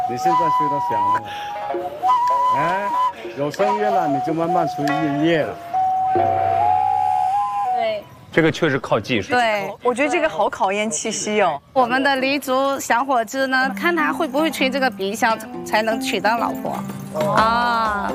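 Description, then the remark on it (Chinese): Thin, breathy notes of a traditional three-hole Li nose flute, held slanted under the nose and blown by breathing out through the nose, sputter on and off in short, unsteady tones as a beginner struggles to sound it, while people talk over them; the notes fade out halfway through. “你现在吹到响了吗？哎，有声音了，你就慢慢吹音乐了。”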